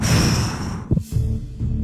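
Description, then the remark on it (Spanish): A deep breath: a long, airy inhale, a brief pause, then a rushing exhale. No one speaks. “regálame una respiración así profunda.”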